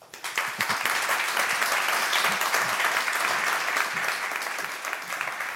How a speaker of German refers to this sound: Ich löse das noch kurz auf, in der Hoffnung, dass ich für Sie noch einen Applaus erbeuten kann.